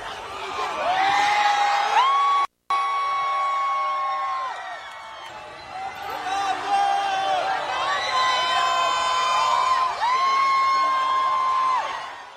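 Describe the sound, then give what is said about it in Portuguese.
Dozens of people outdoors outside the Portugal national team's hotel in Toronto shout and chant in long, drawn-out cheers as Cristiano Ronaldo, Diogo Dalot and Francisco Conceição come to the window to wave; many voices overlap loudly and continuously, with a brief cut-out early on. “Dezenas de pessoas a gritarem no momento em que Cristiano Ronaldo, Diogo Dalot e Francisco Conceição foram à janela acenar.”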